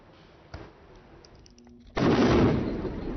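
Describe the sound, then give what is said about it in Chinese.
A sharp bang, then a second, much louder explosion that erupts into a sustained, roaring rumble that carries on to the end, one of a series of explosions in the village of Mansouri, southern Lebanon, after Israeli bombing, with thick smoke. No voices are heard. “以军28日轰炸黎巴嫩南部村庄曼苏里后，当地接连发生爆炸，而且浓烟滚滚。”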